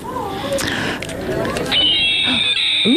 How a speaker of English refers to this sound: Ooh, we get to hear the hawk.